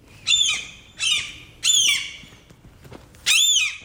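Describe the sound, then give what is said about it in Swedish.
A gull squawks loudly in four harsh, strident cries spaced roughly evenly apart, each one a raucous burst that trails off, with no voices present. “Men jag har pratat med ett gäng andra, några stycken som faktiskt känner igen den här bilden och tycker att det är lite så här, besvärligt så här års helt enkelt med måsar.”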